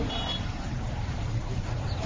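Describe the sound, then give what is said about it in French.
Steady rumble of busy street traffic at the Pétévo market in the 6th arrondissement of Bangui, engines droning continuously as vehicles flow freely along the cleared roadside, and a brief high-pitched beep near the start, like a vehicle's reversing signal. “La circulation ici au marché est désormais fluide.”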